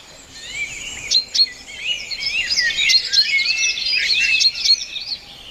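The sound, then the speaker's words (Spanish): Small birds chirping busily and continuously in the Canary Islands, overlapping high tweets and trills filling the whole stretch, clear with no voices. “Escuchamos pajaritos, por ejemplo.”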